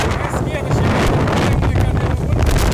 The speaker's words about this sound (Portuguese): Várias cadeiras de plástico vermelha voando assim, né? Sendo arremessadas. Olha o horizonte. Por causa da ventania.